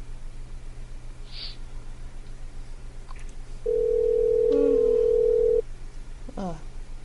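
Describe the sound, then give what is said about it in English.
A steady telephone dial tone hums for about two seconds in the middle, loud, over a faint background hiss, with a few soft clicks before and after, as a call is placed to a Chinese restaurant. “Give me the phone number.”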